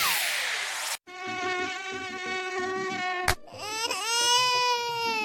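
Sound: mosquito buzzing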